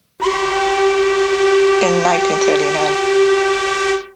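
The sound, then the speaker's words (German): A train horn from a recording of 1930s or 1940s trains blares in one steady, sustained tone for about four seconds, loud, with a brief wavering siren-like sound rising over it partway through. “Vor allem die Zughupen spielen eine wichtige Rolle.”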